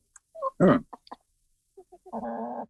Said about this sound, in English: The Canadian chickens are fainter because I think they're further away from the laptop. The British one is the louder one.